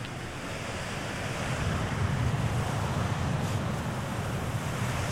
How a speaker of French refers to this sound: Enregistrement tissu de la chaise, prise 1.